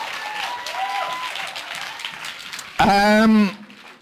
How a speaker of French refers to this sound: Ben, applaudissez-les, là.